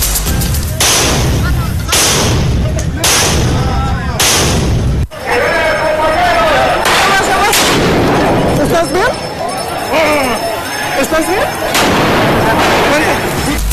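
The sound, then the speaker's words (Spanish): Firecrackers and rockets bang loudly in quick succession, five or six sharp blasts over a few seconds, launched from both sides of metal barriers during a street clash between protesters and police at the crossing of 20 de Noviembre and Venustiano Carranza, then give way to a noisy crowd shouting and whistling. “La protesta subió de tono cuando un grupo de sujetos se dejó ver con tubos, palos y mazos mientras se registraba el lanzamiento de cohetones, petardos, polvo de extintores y objetos desde ambos lados de las vallas.”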